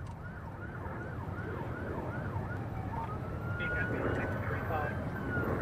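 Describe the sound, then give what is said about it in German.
Sirens of more than a dozen police cars following a white car wail over a steady roar of traffic, their rising and falling tones overlapping, with one long steady siren tone later on. “Dahinter mehr als ein Dutzend Polizeiwagen.”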